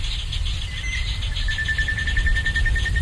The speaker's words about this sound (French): Illustration sonore pendant la saison humide, voici un enregistrement le jour avec des oiseaux.